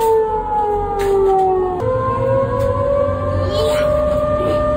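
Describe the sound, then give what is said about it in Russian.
A loud air raid warning siren wails without pause, its tone slowly sinking, jumping back up midway, then drifting down again over a low background rumble. “Но даже если сирены сработали вовремя, человек все равно не знает, что ему делать.”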